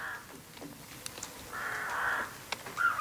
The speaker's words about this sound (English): Those rooks not from Wicklow. They're Wicklow.